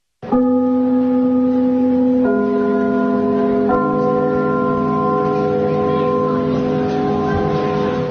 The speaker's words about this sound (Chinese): 听我们开幕的那个钟声， 嗯， 听着这都一种感情。 什么？ 所以我们在如果在别的剧场去演出，啊，我们一定把这个钟声录下来。